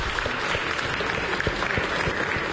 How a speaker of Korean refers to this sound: 네, 우리 교사들 나올 때로 따뜻한 박수로 맞이해 주시기 바랍니다.